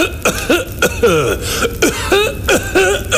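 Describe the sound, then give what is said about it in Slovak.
A man waking in the morning in a choking coughing fit: a rapid string of harsh, strained coughs with wheezy, gasping breaths between them, loud, with no talking. “Ráno sa zobudil na ďalší záchvat zadúšajúceho kašľa.”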